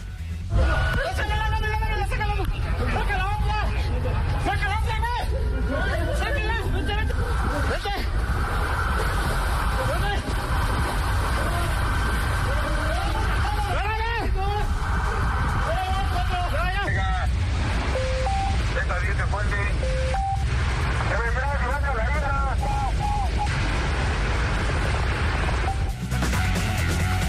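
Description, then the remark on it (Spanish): Several voices call out and talk excitedly over a steady roar of rushing floodwater and engine-like rumble, with occasional splashes and knocks, as police rescue a driver trapped in his vehicle in a flooded underpass in the city after heavy rain. “Escuche usted, este es el momento en que los policías rescatan a un conductor que de plano quedó atrapado su vehículo en un bajo puente en la ciudad.”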